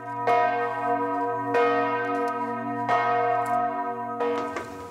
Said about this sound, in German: Der Weg zu den großen Glocken ist abenteuerlich. Wer zur vollen Stunde hier ist, kriegt ordentlich etwas auf die Ohren. Je nach Tageszeit oder an Festtagen schwingen die Glocken unterschiedlich, zum Teil auch mit Glockenspiel.